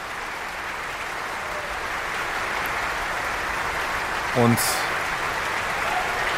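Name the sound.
concert audience applause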